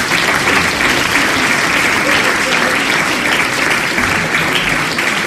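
Sustained audience applause fills the whole stretch, a dense, steady wash of many hands clapping at once, loud and close, with no break or pause.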